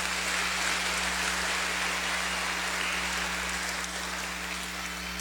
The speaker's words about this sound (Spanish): Le brindamos un fuerte aplauso.